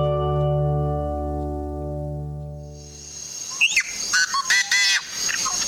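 A yellow-headed blackbird, a member of the blackbird family, calls: a long, droning buzz gives way to harsh, rasping squeals and a few quick scratchy bursts, loud and with no talking.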